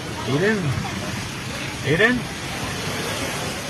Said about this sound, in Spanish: Domingo 27 a las 9:42 de la noche. Hoy no más. Se quiere salir el mar.